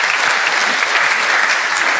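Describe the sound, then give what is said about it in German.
A crowd at an event in Kremsmünster claps for the technicians after a microphone is fixed, steadily for two seconds, a dense, even patter of many hands at a consistent loud level with no voices over it. “Ein Applaus für die Technik.”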